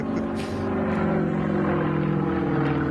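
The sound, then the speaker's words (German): An Extra 330 aerobatic propeller plane, flown by pilot Wladimir Jakuschew through the gates of a timed course, drones loudly, its engine holding a steady, buzzing tone throughout with no voices present. “Ein Extra, 330, Pilot Wladimir Jakuschew.”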